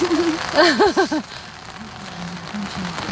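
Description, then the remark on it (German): Steady, soft hiss of rain falling outdoors runs through the whole clip, with a few loud, squawking calls from a chicken near the start and quieter clucking afterward; the chickens are wet from the rain. “Ja, die sieht ähnlich aus wie wir, so ein bisschen ja, durchnässt.”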